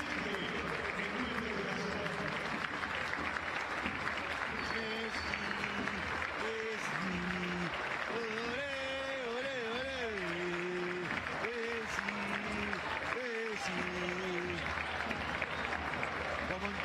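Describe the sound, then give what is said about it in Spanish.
Stadium crowd at a football match applauding for Lionel Messi ten minutes into the second half, a dense, unbroken wash of clapping, with voices rising and falling over it in something like chanting or shouting. “Aplauso para Messi, 10 minutos del segundo tiempo.”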